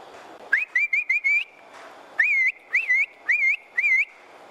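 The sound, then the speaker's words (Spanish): A loud herding whistle used to call cattle, such as the milking cow, toward the corral and separate the animals: two rapid bursts of short, rising, warbling notes, about four in each burst, separated by a brief pause, with no one talking. “O sea, para que se aislaran las bestias, sí.”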